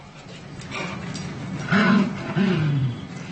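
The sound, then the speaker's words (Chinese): A dog growls twice in short, rumbling bursts, fairly loud, over a low steady background hiss with no talking: a recorded playful growl played back to a dog named Qili in an experiment. “而奇力听到的却是玩耍时的咆哮声。”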